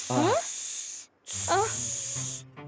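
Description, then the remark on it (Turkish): Two long, loud snake hisses, each lasting about a second with a brief pause between, while voiced, sing-song vocal sounds rise and fall underneath, like a voice playfully hissing. “Durun durun, biz köstebek değiliz. Biz yılanız.”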